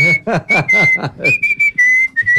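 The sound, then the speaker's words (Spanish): Someone whistles a slow, melodic bolero tune, holding clear sustained notes that step between pitches, with other voice sounds briefly underneath at the start. “Pero espere, o sea, todo bien que el abuelo silbe boleros, pero qué pereza uno tener que esperar hasta que silbe todo el bolero.”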